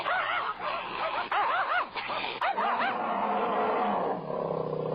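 A hunting dog, Lizihuang, snarls and barks aggressively at a bear, baring its teeth, in a quick series of harsh, rising-and-falling cries, loud, with a rough growling texture trailing off at the end. No one speaks.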